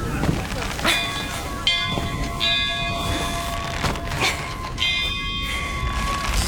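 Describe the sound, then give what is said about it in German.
A church weather bell, rung by pulling hard on its rope, rings out in a series of uneven, clanging strikes, each leaving a sustained metallic hum that overlaps the next, steady in loudness. “Ich brauche euch an der Wetterglocke.”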